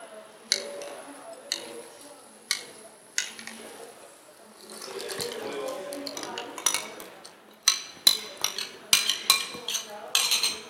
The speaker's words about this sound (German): So, ich habe jetzt den größeren Teil des Wassers zum Kochen gebracht und nehme den restlichen Teil, den ich nicht erhitzt habe, und rühre damit das Reismehl an. Gib das Ganze ins kochende Wasser.